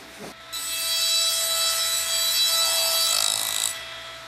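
glass grinding machines whirring

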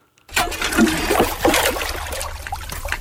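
water flowing

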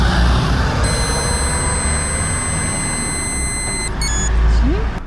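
breathalyzer tone

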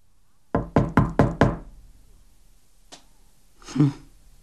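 knocking on a door

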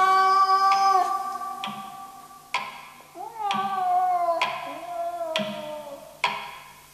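cat meowing

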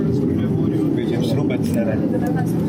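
airplane landing

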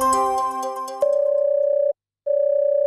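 telephone ringing tone

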